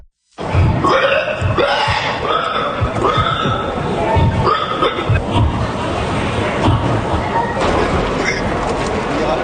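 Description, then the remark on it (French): A man from Normandy, dressed as a pig with a pig nose, imitates a pig squealing in a pig-squeal contest he won for the tenth time: loud, nonstop grunting squeals with sliding pitch and repeated rising shrieks for about nine seconds, with no other talk. “c'est le Normand … qui a remporté le titre du meilleur cri de cochon pour la 10e fois”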